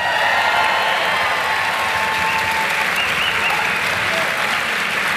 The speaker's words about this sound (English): Ladies and gentlemen, could you please put a massive round of applause together for TJ Kilcannon, Dermot Flanagan, and James Nallon.